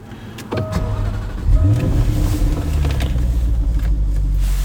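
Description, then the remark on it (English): A supercar engine with a 186 mph top speed turns over and catches with a rising rumble around a second and a half in, then settles into a steady, deep idle, in Shetland, with no talking. “That's her running, and we'll just engage a gear. Very docile, this car, in fairness.”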